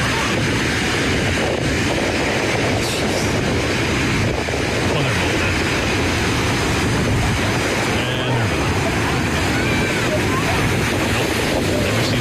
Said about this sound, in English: Huge waves battered the Santa Cruz coastline this weekend with lifeguards jumping into the ocean to save 25 people.